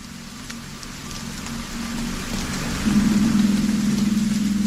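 Steady rain falling on the sea, a continuous soft hiss with a low rumble beneath; a deep sustained drone swells in partway through and holds to the end, no voices. A piece of music from the score of Martin Scorsese's film Silence.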